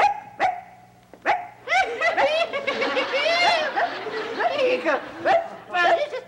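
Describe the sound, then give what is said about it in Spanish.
A person imitates a small dog's yappy barking, likened to a chihuahua, producing a rapid series of high, nasal yips, with brief laughter-like sounds mixed in. “Pareces perro chihuahueño.”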